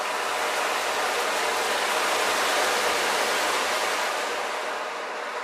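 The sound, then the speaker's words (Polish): An instrument produces a soft, continuous shushing wash that imitates gently splashing water, holding steady for several seconds before easing slightly at the end, with no voices. “Czy słyszycie, jak woda delikatnie pluska? A może przypominało to łódkę kołyszącą się przy pomoście?”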